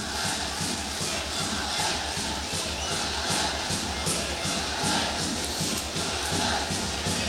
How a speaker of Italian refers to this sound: Intanto si alza il coro del Bangladesh.